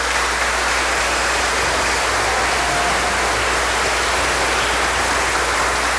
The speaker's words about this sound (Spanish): Seguramente un aplauso para nuestro pastor.